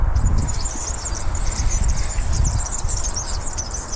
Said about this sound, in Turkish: Bir kere daha çalayım. Gerçekten yağlanmamış bisiklet zinciri sesi.